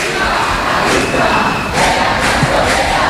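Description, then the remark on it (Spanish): A large crowd of protesters marching along Calle San Jerónimo toward the Congress of Deputies shouts together with fists raised in a loud, continuous roar, with rhythmic surges of chanting voices rising and falling, calling out slogans such as "viva la clase obrera". “Mira, veo como dos señoras de la limpieza se han asomado a una de las casas y todos les gritan con los puños en alto. viva la clase obrera.”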